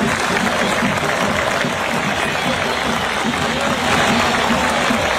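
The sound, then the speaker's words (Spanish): A large stadium crowd at the Atanasio applauds the Chapecoense team steadily for several seconds, a dense, sustained wash of clapping with a rumble of voices mixed in, swelling slightly toward the end. “Bueno, este último videito, antes de la despedida, cómo la gente ayer en el Atanasio aplaudió al Chapecoense con el que juega mañana.”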